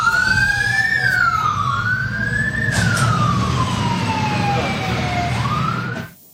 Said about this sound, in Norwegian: Denne utrykningen skyldes ikke døgnåpne barer.